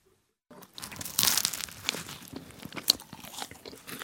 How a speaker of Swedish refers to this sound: Förutom det här ljudet av mig när jag smaskar in en croissant med choklad i